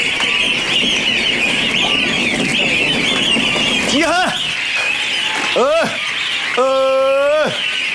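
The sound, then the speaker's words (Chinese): Geese in a shed for raising goslings, next to a barn, honk three times in the second half, two short calls and then a longer drawn-out one, loud, over a steady high-pitched background hum and earlier muddled noise. “隔離呢度就係養鵝仔嘅鵝仔棚啊。”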